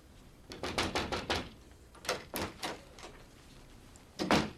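Someone knocking on the speaker's door, a quick run of four raps followed by a few more scattered knocks and a final pair, sharp, with no voices.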